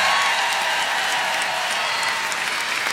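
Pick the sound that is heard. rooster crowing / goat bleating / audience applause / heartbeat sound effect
audience applause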